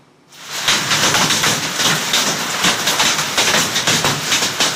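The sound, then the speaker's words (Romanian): Hailstones pound down hard and steadily in Găzine commune, Gorj county, Romania, at 8 in the evening, a loud, dense roar of countless rapid impacts that starts abruptly and keeps drumming without a pause, with no voices. “Comuna Găzine, județul Gorj, ora 8 seara, praf fost de un peste 20 de minute, așa bate piatra.”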